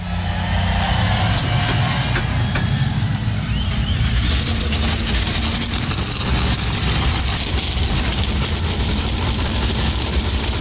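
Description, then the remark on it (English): A field of 38 NASCAR stock car engines fires up at once at Darlington Raceway, South Carolina, for the Cookout Southern 500, a dense, loud wall of rumbling and revving that surges and stays thick and continuous throughout, with no voices. “God bless American drivers, start your engines!”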